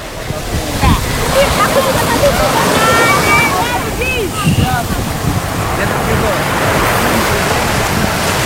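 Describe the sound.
Steady roar of ocean surf washing onto the beach in the morning at Kampung Bahari Nusantara, Bagan Kuala village, Tanjung Beringin, Serdang Bedagai, Indonesia, with children playing at the shore, their shouts and high voices rising above the waves now and then.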